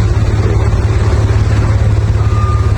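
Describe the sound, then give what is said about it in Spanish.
A heavy truck engine rumbles loudly, a deep throbbing drone that holds steady throughout, with a faint high tone briefly sounding near the end amid street traffic noise on Independencia, a street with many trucks. “Acá hay demasiados camiones nomás.”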